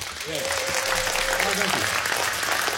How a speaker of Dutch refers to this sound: Applaus!